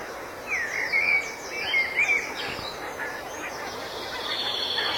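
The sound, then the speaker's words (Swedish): Several geese on their way out to feed in the fields honk in quick, overlapping bursts, a busy cluster of calls in the first couple of seconds, then thinning out against a steady outdoor background hiss. “Man hör gässen på mig.”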